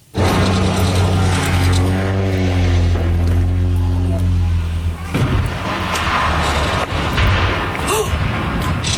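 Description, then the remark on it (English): A loud, low seaplane propeller engine roars steadily, then about halfway through gives way to a sudden crash and a rough, churning rumble of impact noise to the end, as a tourist seaplane with 11 people on board slams into the rocky shoreline of a small island near Victoria, B.C. “A terrifying moment caught on camera near Victoria, B.C., when a tourist seaplane with 11 people on board crashed into a small island, and incredibly, they all survived.”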